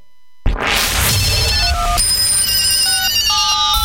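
A sudden crash opens into layered electronic telephone ringing: bright, warbling tones that step between pitches over a noisy wash, loud and continuous with no voices.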